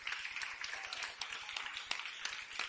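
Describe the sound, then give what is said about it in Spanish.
An audience breaks into steady applause for the Lord, a dense, continuous wash of many hands clapping with a few sharper claps standing out, and no voices over it. “Si le va a dar un aplauso al Señor, déselo.”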